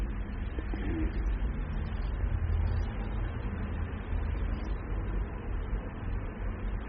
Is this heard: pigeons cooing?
yes